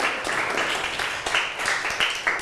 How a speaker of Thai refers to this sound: ถูกต้องขอเสียงปรบมือให้กับเพื่อนของเราด้วยนั่นเองนะคะ